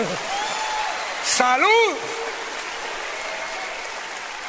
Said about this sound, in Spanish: Oh, si le va a aplaudir al Señor, hágalo fuerte. Aleluya.